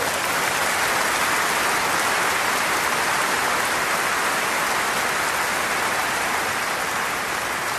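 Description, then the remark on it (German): A large audience applauds steadily for young members of an orchestra, dense overlapping clapping blending into a continuous roar that holds at an even, fairly loud level for several seconds with no voices. “Geben Sie einen riesen Applaus, Glenn Falise!”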